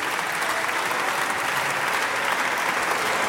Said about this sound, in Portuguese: As ruidosas palmas do PSD, esta afirmação de Palma Ramalho.